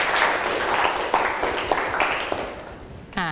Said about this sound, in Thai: นักเรียนขอบคุณสื่อวิดิทัศน์ดีๆกันหน่อยนะคะขอให้นักเรียนช่วยกันปรบมือเพื่อขอบคุณสื่อวิดิทัศน์ดี